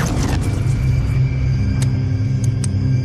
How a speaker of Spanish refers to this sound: Ah, no había visto nada igual. Tantos rayos en un mismo sitio.